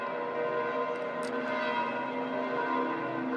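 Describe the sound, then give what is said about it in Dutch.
The church bells of St. Peter's Basilica in Rome ring on the feast of Pentecost in a continuous, overlapping peal, their sustained metallic tones layering into a steady, resonant wash of sound with no speech. “En zo horen wij de klokken van de Sint-Pietersbasiliek op dit mooie hoogfeest van Pinksteren.”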